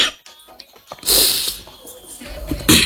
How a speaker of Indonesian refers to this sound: Sorry, batuk.